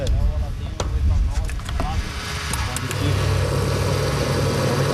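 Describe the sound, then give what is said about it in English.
A car running on pure ethanol pulls up at a gas station in Sao Paulo, Brazil. Its engine rumbles and settles into a steady low idle after a few shifting revs, with occasional sharp clicks and faint, indistinct voices in the background. “In Brazil, a car pulls up to a gas station.”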